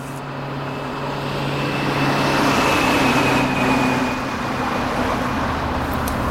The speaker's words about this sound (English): Why do they keep feeding street noises into the sound system? We haven't had street traffic in 3 generations. They say it keeps people awake and aware.